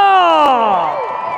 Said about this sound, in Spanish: Y este grito dedicado para Fresnillo, Zacatecas, del mejor público del mundo, ¡que se escuche el grito, Fresnillo!